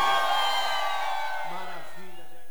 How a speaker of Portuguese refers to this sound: Cadê o grito da galera aí?